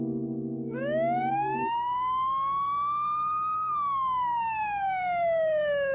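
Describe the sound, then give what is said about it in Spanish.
A police car siren wails loud, sweeping up in one long rising tone and slowly falling again, opening over a brief low, steady horn-like blare, as the police car arrives right outside. “Están justo afuera. El polizonte está saliendo de su carro.”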